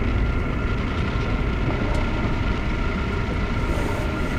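A loud, continuous low rumble of a train fills the scene, steady and unbroken with a faint metallic hiss on top, and no voices.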